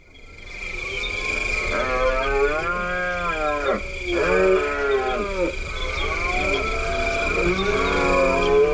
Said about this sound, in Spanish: Pues estamos hablando, yo creo que de uno de los más conocidos, que es el entusiasmo del ciervo en la berrea, ¿verdad, Paco? Sí, ellos también tienen mucho entusiasmo, porque es la época del celo, del apareamiento